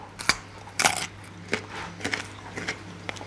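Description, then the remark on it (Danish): Crisp crunching bites into a small raw organic carrot: a sharp snap followed by several loud crackly chews, with a steady low hum underneath and no talking. “Jeg forsøger lige at tage en bid her.”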